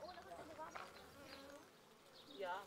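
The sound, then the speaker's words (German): A dense, steady hum of many honeybees buzzing around a beehive of about 20,000 bees, continuous, with individual bees whining past and a louder bee zipping near the end. “Ebenfalls eine Mutprobe, an einem Bienenstock mit 20.000 Bienen herantreten.”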